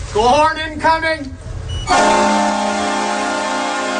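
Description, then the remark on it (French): The goal horn at the Saddle Dome in Calgary, home arena of the Calgary Flames hockey team, blares in one long, loud, steady blast lasting about two seconds. Just before it, voices are heard, with what sounds like shouting or cheering. “C'est la dernière saison pour entendre cette sirène de but au Saddle Dome de Calgary.”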